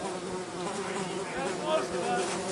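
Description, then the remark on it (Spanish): A dense, continuous insect drone of flies buzzing steadily throughout, fairly loud, with a wavering pitch and no pauses. “¿Se relajan las moscas?”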